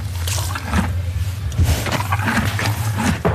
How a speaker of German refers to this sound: 15 von denen reitet er selber und eins davon steht in der hintersten Box. Ein Schimmel, wo Wasser aus einem Kübel sauft und die Nüstern am Stroh reibt.